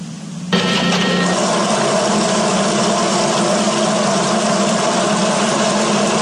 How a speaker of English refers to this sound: Hey, the grass needs watering. I better turn on the sprinklers.